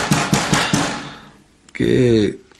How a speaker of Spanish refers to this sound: Hay alguien golpeando en la puerta.